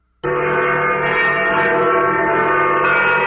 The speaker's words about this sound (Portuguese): E você já viu que passou do meio-dia, né? Tocou o sino, agora tem tradição aqui, ó, ó o sino.